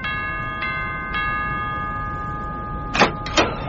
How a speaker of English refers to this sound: Ring your doorbell.